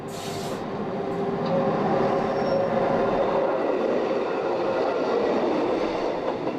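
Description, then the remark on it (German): A train pulled by locomotives winds up a mountain on the Golden Pass route, rumbling steadily along the rails. Its dense, continuous low roar and faint tonal hum hold at a constant loud level with no voices, after a brief hiss at the start. “Doch in der Realität windet sich der Zug, gezogen von unterschiedlichen Lokomotiven, den Berg empor.”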